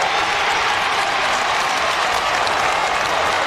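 A large Australian football stadium crowd, with Geelong supporters, roars and applauds after a goal in a dense, unbroken wash of cheering that stays loud and steady throughout, with no voices standing out.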